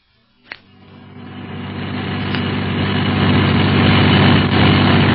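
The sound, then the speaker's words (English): A sharp knock gives way to a car engine that revs up and builds into a loud, steady roar as the vehicle speeds through Casablanca, with no voices. “They drive fast here.”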